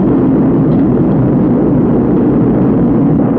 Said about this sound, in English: 9, 8, we have ignition. 6, 5, we have outboard engines. 3, we have inboard engines. 1, 0, we have a launch commit. We have a liftoff at 35 minutes after the hour.